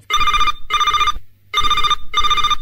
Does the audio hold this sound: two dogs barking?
no